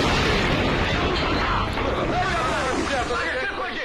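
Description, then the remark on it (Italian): A loud gas explosion, caused by a broken gas pipe during a break-in, erupts at once into a dense, sustained roar and rumble filling the whole clip, with agitated voices faintly audible beneath the noise. “il colpo dei soliti ignoti finisce tristemente con un'esplosione”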